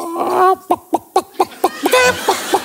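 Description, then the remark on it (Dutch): A person vocally imitates a clucking chicken, a quick series of about ten sharp, rhythmic clucks, slowing slightly into a drawn-out squawk near the end. “Maar ik kan nog een kip.”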